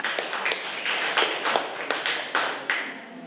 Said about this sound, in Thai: เก่งมากปรบมือให้เพื่อนค่ะ